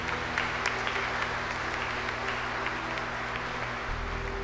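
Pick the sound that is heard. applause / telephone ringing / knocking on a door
applause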